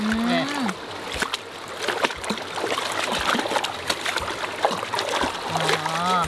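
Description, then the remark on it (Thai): Water splashes and sloshes in repeated bursts as pounded chicken is rinsed in a scoop net, with brief speech at the start and end over the steady wet churning. “ที่เราเอาสวิงมานี่เขาไม่ได้ช้อนอะไรหรอกเรามาใช้ล้างไก่นี่แหละ”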